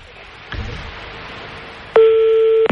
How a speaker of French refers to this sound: on est en train de composer le numéro de téléphone de peut-être Sabrina